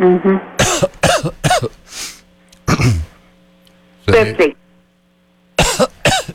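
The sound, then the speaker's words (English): A series of sharp coughs comes in short bursts, some clustered together, with brief pauses between them and a bit of speech mixed in. “Sorry, you got a cough here.”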